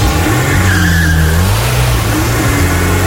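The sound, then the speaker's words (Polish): A car engine roars loud as a magnetic grey family car is started, its pitch climbing and dipping as the vehicle pulls away, with a faint screech of tires underneath. No one speaks. “Wsiadacie, zamykacie drzwi, odpalacie.”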